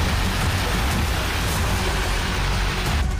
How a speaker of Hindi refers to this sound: कई जगह अचानक होने वाली तेज बारिश ने ऐसी तबाही मचाई है कि इंफ्रास्ट्रक्चर तहस नहस और जनजीवन अस्त व्यस्त है। कहीं आसमान से बरसता पानी सड़कों को सैलाब बना रहा है